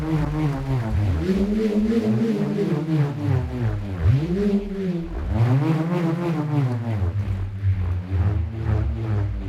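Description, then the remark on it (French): A bullroarer, a small piece of wood tied to a cord, is spun through the air. It whirs loudly and continuously, its droning buzz swooping up and down in pitch in repeated waves, each rise and fall a couple of seconds long. “Le rhombe, par exemple, est un petit morceau de bois fixé à une corde qui vrombit lorsqu'on le fait tourner dans les airs.”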